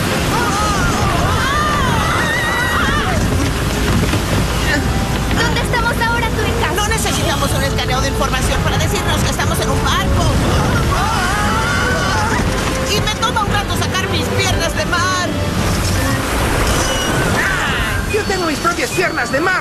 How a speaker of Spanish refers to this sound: ¡Vengan abajo antes de que las olas los tiren de la cubierta!